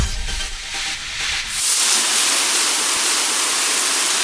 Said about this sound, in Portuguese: Pode até parecer barulho de chuva, mas se chama desperdício. Um chuveiro ligado gasta, em média, 12 litros de água por minuto.